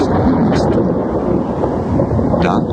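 A loud, continuous low rumble of thunder during a storm with lightning, rolling through a stormy, wind-blown background, steady for the whole stretch with no clear pauses.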